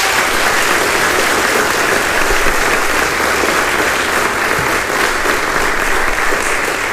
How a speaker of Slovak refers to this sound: No a boli úžasní a sú úžasní. Jeden veľký potlesk ešte pre nich, prosím.